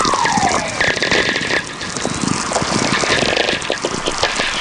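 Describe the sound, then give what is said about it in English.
VLF radio whistlers from lightning: dense static crackle with gliding whistles, one clear descending tone sweeping down near the start, over a steady faint hum. The whistlers come in big streams, one merging into the next, all slowly descending in pitch. A continuous, fairly loud radio-like texture with no voices. “These whistlers are really coming in big streams now. There's just one whistler kind of merging into the other, all slowly descending in pitch.”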